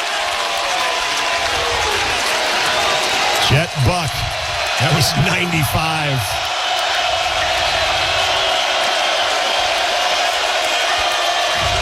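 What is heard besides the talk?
stadium crowd cheering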